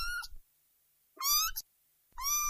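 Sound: kitten meowing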